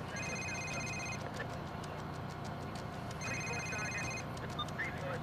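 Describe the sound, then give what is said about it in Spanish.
A telephone rings twice in two clear electronic bursts separated by a short pause, over a steady low background rumble; it is a police officer's phone ringing inside her parked car. “Una oficial observa atenta desde su auto estacionado y contesta su teléfono.”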